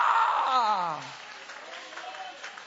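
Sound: audience applauding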